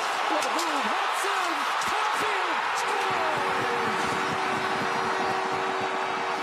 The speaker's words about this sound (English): the reaction from the Montreal crowd, the reaction from a hockey crowd to seeing their team score during the playoffs is just something I want to explain after you hear the intensity of this crowd noise.